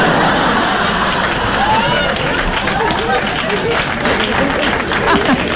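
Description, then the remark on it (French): A crowd applauds steadily and loudly throughout, dense overlapping claps in the hall, including a woman in the audience clapping, with a murmur of audience voices mixed in underneath. “Hey, la dame là-bas elle applaudit comme ça!”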